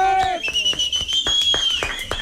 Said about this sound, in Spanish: Así que, por favor, un aplauso fuertísimo.